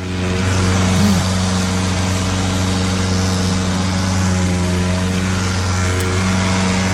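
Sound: lawn mower engine running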